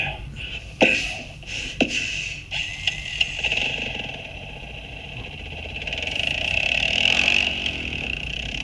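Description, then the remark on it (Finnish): A small all-terrain vehicle engine runs steadily with a buzzy, rattling idle, a couple of sharp clicks or knocks near the start, then the motor revs slightly higher toward the end. “Toi on joku ajettava kulkuneuvo. Onko se mopo? Mönkiä.”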